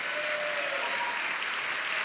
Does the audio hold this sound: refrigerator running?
no